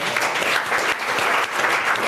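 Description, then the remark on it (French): A crowd applauds an incredible challenge, a steady, dense wash of many hands clapping at a constant, fairly loud level for the whole stretch, with no voices standing out. “Est-ce que c'est un incroyable défi qu'on applaudit, s'il vous plaît?”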